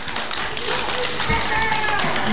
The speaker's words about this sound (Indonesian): Beri tepuk tangan untuk teman-teman dari RA Al-Wahyu.